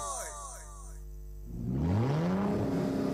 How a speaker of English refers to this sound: Guy, when I hear the engine make that vroom, it they drive me crazy.